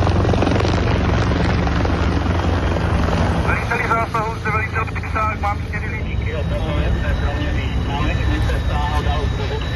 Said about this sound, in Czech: Jedná se o požár výškové budovy průmyslové, hoří nám 8. 9. patro. Letí nám sem vrtulník s bambivakem.